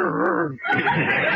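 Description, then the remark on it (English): A man's voice imitates a dog, a whining, whimpering sound followed by a brief pause and then a rougher, raspy growl-like noise, fairly loud throughout. “you're even getting to sound like a dog.”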